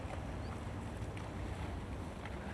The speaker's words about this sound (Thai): คนสิงคโปร์นะครับเขาคนนี้นิยมก็คือเขาเร่งกีฬาแบบพายเรือนะครับพายเรือแบบนี้เห็นไหมพอดีมาแล้วโอ้ท่านใจมากมีผู้ชายด้วยมีผู้หญิงด้วย